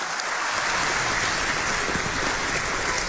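A steady round of applause from a crowd welcoming a woman into a new role, many hands clapping in a dense, even crackle that holds at a constant loudness throughout, with no voices standing out.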